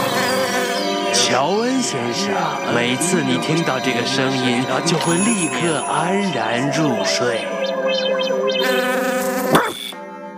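A cartoonish housefly buzzes continuously, its pitch swooping up and down in repeated arcs over a busy musical backdrop, with a brief sharp accent just before it ends.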